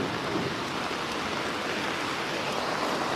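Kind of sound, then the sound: nature, rain falling outdoors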